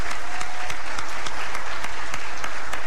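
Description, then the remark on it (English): Loud, sustained applause from a large crowd for Guyana's class of 2026 and its improved CSEC and CAPE pass rates, a dense wash of clapping with sharper individual claps cutting through steadily, and no voices speaking. “This is an achievement worthy of recognition, and I believe the entire class of 2026 deserves a massive round of applause.”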